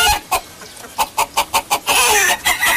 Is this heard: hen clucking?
yes